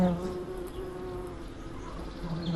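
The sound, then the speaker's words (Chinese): A bee buzzes in a steady, continuous drone that wavers slightly in pitch for a couple of seconds, with no one talking over it; it comes from a large hornets' nest in a tree. “它不蜇人的，哪里来的蜜蜂啊？”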